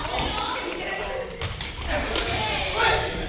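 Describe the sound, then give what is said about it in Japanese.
A woven plastic ball, 14 cm in diameter, is kicked a few times during a class, giving sharp, hollow thwacks at an uneven rhythm over a steady wash of background noise and faint voices. “蹴った時に出る音が特徴的ですよね。”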